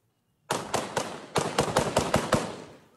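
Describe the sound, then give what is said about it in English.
A rapid burst of sharp gunshots cracks out in two clusters, about eight reports in all, loud with a rough, echoing tail and no voices; gunfire during an attack by forces loyal to an ousted governor in the Baidoa region of southwest Somalia. “Explosions and gunfire were heard as forces loyal to an ousted governor launched an attack.”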